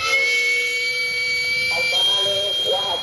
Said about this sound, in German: Zu hören? Der Dampfauslass eines kleinen, rumpelnden Bollerwagens, in dem das Streetfood über Holzkohle gart.